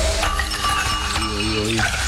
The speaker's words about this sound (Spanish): cuando destapamos una Coca-Colita hasta ahora, oiga.